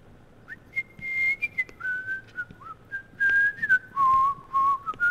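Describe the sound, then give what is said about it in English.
A person whistles a wavering, tuneless melody of sustained notes that slide between pitches, clear, with soft background noise and no talking. “No whistle, no hum.”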